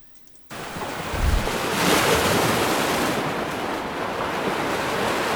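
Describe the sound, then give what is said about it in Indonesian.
Sea waves break and wash steadily onto the shore of the north coast of Tuban, Indonesia, before dawn under a thin mist, in a broad, continuous roar after a brief quiet start, with a low rumble of wind at the microphone; no one speaks. “Sebelum fajar menyingsing saat kabut tipis masih menyelimuti pesisir pantai utara Tuban”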